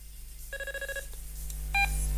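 A telephone ringing: one half-second electronic ring tone, a pause, then a shorter burst, over a steady low hum with no one talking.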